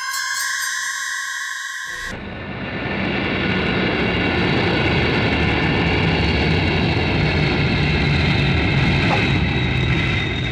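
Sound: airplane landing on runway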